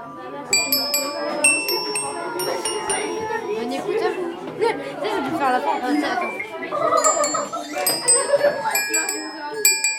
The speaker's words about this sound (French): Avec le professeur de musique, les élèves ont fait teinter les carillons.